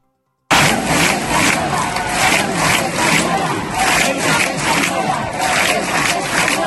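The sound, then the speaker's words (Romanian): A large protest crowd of around 5,000 people, calling for life in Ceuta to return to normal, chants loudly and rhythmically in the town square of Castellón de la Plana, Spain, the roar of many voices pulsing in steady beats after a brief moment of silence at the start. “Și în Madrid, în Barcelona, în Sevilla, în Valencia, aici în orașul Castellón de la Plana, de unde transmit eu, sunt în jur de 5.000 de persoane în piața orașului.”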